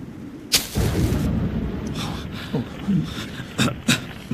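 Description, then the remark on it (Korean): A sharp crack of thunder from a lightning strike bursts out, then a low rolling rumble lingers before two more loud snapping cracks ring out near the end. “저런 번개는 이맘때쯤이면 종종 볼 수 있는 것이네.”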